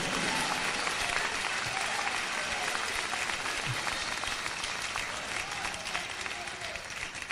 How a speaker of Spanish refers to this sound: Si tiene vida, dele esas palmas al Señor con vida, que hasta para eso son flojos los muertos.